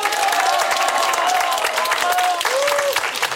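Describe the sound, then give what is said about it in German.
A large audience at a family festival in sunshine applauds loudly and steadily, with dense clapping and a few whistles and cheers rising above it throughout. “Und das Schönste ist, wir haben ein super gut gelauntes Publikum und wir freuen uns jetzt über einen riesen Applaus und einen Gruß in die große weite Welt hinaus.”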